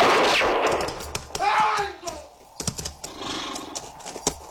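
A couple of sharp gunshot cracks ring out amid a chaotic scene, with a horse whinnying and scuffling noises in between, loud.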